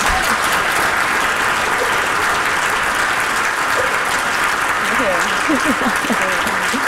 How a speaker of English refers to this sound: So. Wow. Round of applause, guys.